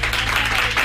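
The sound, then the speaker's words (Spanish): A brief, steady wash of audience applause welcoming Charlie P, many hands clapping together in a dense, fairly loud burst with no voices on top. “Un aplauso para ella.”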